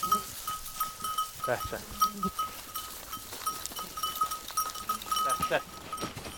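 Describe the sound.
Several sheep of a small flock being taken to pasture bleat over a steady outdoor background with a faint tonal hum, with occasional voices mixed in among the flock.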